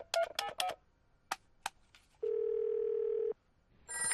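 A quick series of telephone keypad beeps, then a single long, steady ringing tone on the line, as a child's family calls the father's office to wish him a happy birthday. It is clear, with no one speaking.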